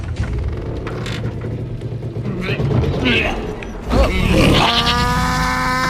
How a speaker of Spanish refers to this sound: Cierra la compuerta. La compuerta hay que echarle. Le cuesta, a ver si se inventa ya el 3 en 1. Niña, cierra la compuerta. El arca se separa del suelo. Flota, se balancea.